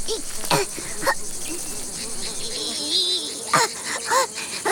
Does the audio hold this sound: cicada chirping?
yes